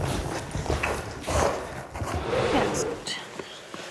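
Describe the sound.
Hooves of Viktor, an Irish Hunter horse, clip-clop in a loose, uneven rhythm of repeated dull thuds, heard over a steady wash of background noise with faint murmuring voices.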